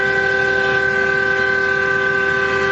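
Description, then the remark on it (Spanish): A loud, sustained truck horn blast sounded by a truck driver traveling from La Plata toward Ezeiza, droning steadily for a few seconds, its steady tones ringing over rumbling road noise with no voices. “Me tiró el bocinazo,”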